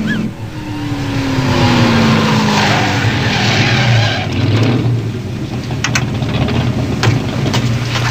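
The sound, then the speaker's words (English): A red Ferrari sports car engine, loud, revs down steadily as the car slows and pulls over, followed by a rough rumble of tires and idling with no voices. “You want us to pull over and be blessed by a black priest in a red Ferrari.”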